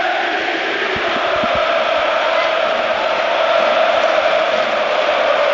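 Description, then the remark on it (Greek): A huge crowd at the Georgios Karaiskakis Stadium chants the name of Olympiacos's Basque coach rhythmically in unison, a loud, sustained roar of many voices, with a few low thumps near the start. “Νομίζω ακούγεται ξεκάθαρα ότι όλο το Γιώργος Καραϊσκάκης φωνάζει ρυθμικά το όνομα του Βάσκου προπονητή του Ολυμπιακού”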